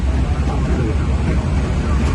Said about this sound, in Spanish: Bueno, se oye un poco reguleras, pero normal, es cosa de los aviones. Lo entendemos.